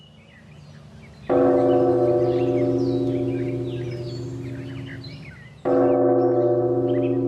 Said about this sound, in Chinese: 啊，今天是谁撞的钟啊？ 方丈，是昨天才来的小沙弥。